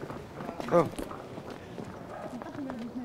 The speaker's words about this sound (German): Oh, auf geht's. Die Esel. Festhalten.